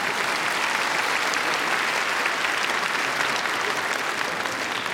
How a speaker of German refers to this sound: Einen großen Applaus für Ludwig van Beethoven.